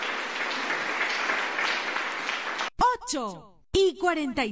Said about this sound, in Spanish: ¡Aplausos para Cristo Jesús!